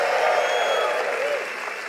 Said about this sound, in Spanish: Un aplauso a la palabra de Dios. Vamos, más fuerte, acompáñala con un grito de júbilo.